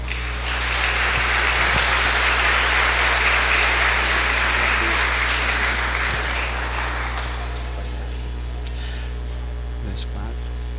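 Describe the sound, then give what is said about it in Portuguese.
A church audience at Mass breaks into sustained applause for the winner of a raffle drawing, dense clapping that holds steady for several seconds and then fades out, leaving a low electrical hum and a few scattered claps. “Nossas palmas para o ganhador.”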